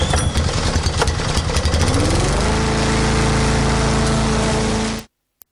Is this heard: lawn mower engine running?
yes